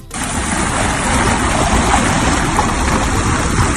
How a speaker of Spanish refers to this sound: La escena es en Jávea, frente al mar. Te cuento, de manera repentina, el nivel del agua baja considerablemente. Es un fenómeno conocido por la ciencia y que se llama meteo-tsunami.